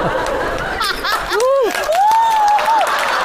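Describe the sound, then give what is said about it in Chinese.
A crowd claps steadily throughout, a dense even patter mixed with scattered laughter, while a high, sliding whistle-like tone rises and falls over the applause. “后面的观众啊，虽然离得远，但是该鼓掌鼓掌啊，我能听得见啊。”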